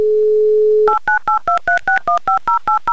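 A steady telephone dial tone hums for a moment, then a phone number is dialed: about a dozen quick, evenly spaced touch-tone beeps at shifting pitches, loud and clear with no talking. A Humor FM radio host is dialing a contest listener in Chelyabinsk.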